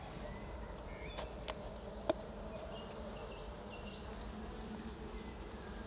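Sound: honeybees buzzing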